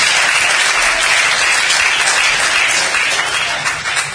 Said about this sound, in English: And if you're excited about what God has done, come on and clap those hands in here today.